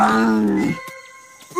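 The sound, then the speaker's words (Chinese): A child pretending to be a cat imitates a big cat's roar: one loud, raspy growl that quickly breaks into a thinner, higher-pitched trailing tone and fades out. “猫不一定要会吼， 我们就会。 对呀，吼给他听。”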